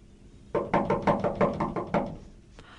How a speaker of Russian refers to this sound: Я посмотрю, кто-то стучит.